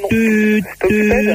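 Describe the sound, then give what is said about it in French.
A voice imitates a telephone busy signal: two flat, steady, loud tones, each about half a second long and separated by a short gap. “tut, ça sonnait occupé”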